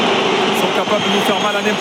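A stadium crowd at the Vélodrome whistles loudly and without a break during a Marseille match against Paris, a dense, shrill wall of sound holding steady throughout, with a commentator's voice faintly underneath.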